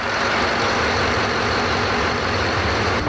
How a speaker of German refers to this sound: Dieser Motor ist gar nicht der große Motor, ne, sondern? Nein, das ist unser Bugstrahlrudermotor.